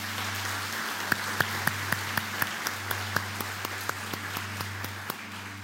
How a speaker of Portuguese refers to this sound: Então aplauda o nome do Senhor.